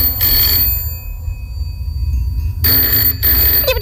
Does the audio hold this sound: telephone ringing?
yes